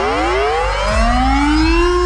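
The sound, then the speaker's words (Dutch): A Dutch civil defense air raid siren (luchtalarm) of the Netherlands winds up, its loud, harmonic-rich wail climbing steadily in pitch over about two seconds, with a second, lower tone rising partway through. No one speaks. “Gisteren maakte minister Van Wil bekend dat het luchtalarm vanaf 2028 wordt wegbezuinigd en volledig wordt vervangen door een NL-alert.”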